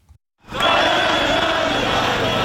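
After a brief quiet start, a large crowd of protesters in Belgrade, protesting the cancellation of the satirical TV show 24 minuta, bursts into loud, sustained group singing of the show's theme tune, many voices blending into a dense, steady chant that carries on without pause.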